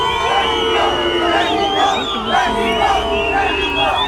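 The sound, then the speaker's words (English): A large crowd of Mexico football supporters boos and jeers loudly and continuously as the England team arrives at its hotel in Mexico City before a World Cup game, a dense wall of overlapping voices rising and falling in waves, with occasional shouts cutting through. “England have been booed by Mexico supporters as they arrive at their team hotel in Mexico City ahead of the World Cup game in the early hours of Monday.”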